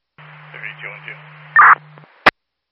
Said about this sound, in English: For Law 1, I copied static.